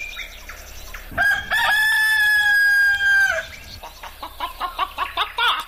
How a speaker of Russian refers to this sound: Здравствуй, петушок. Здравствуй, хохлаточка.